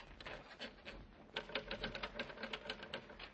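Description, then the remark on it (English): Rapid mechanical typewriter keystrokes clatter in a steady burst, sharp clicks coming close together, growing busier and louder in the second half, with no voices present. “Let me see that typewriter.”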